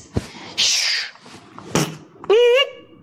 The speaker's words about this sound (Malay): Dia berusaha membuka pintu dengan kunci-kunci yang disiapkan. Wah, bukan yang ini.